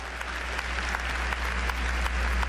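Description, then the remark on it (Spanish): An audience at a church service applauds for the Lord in a steady, dense wash of clapping, many hands overlapping with no clear rhythm, fairly loud throughout, with a low steady hum underneath and no one speaking. “Un aplauso al Señor.”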